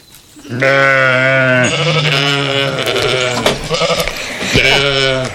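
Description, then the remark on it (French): A ram named Tricot bleats loudly in long, wavering calls, a sustained nasal baa followed by shorter quavering bleats, with a rich stack of harmonics and no talking over it. “Aujourd'hui, nous allons parler de l'élevage des moutons. Notre invité est le bélier Tricot.”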